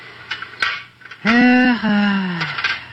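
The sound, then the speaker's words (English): A few sharp, light metallic clinks of a doctor's metal instruments being handled as he cleans them, spaced out over the first second, followed by a man's voice speaking over quieter handling sounds. “This is the first chance I've had this week to clean a few instruments properly.”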